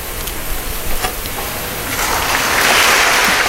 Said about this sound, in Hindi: और ये तालियां इस बात का परिचायक कि सैनिक ने राष्ट्र की सेवा की है।